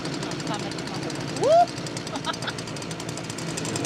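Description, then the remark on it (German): A tractor with a front loader runs loud and steady, joined by the rough buzzing of a saw and a brief rising whine partway through, with faint voices under the din. “Hören können sie sich bei laufendem Trecker plus Säge jedenfalls nicht.”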